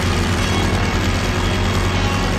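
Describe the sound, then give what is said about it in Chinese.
A loud, steady airplane engine that someone has started drones continuously with a deep rumbling hum and dense roaring noise, unchanging throughout, with no voices. “喂喂，谁发动的飞机？”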